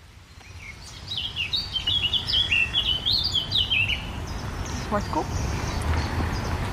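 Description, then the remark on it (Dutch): A blackcap sings a rich, fluty warble, one quick, varied phrase lasting about three seconds, in the Plaatbos woods near Rotterdam, heard from a bike path, set against a steady low rumble of background noise. “Zwartkop. Laat even lekker van zich horen.”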